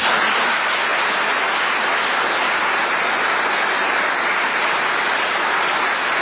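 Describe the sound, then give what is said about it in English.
An audience at an awards ceremony claps steadily for about six seconds for honorees, a dense, even wash of many hands at a fairly loud level, with no voices over it. “And please, I know that you already gave them a round of applause, but let's do it again.”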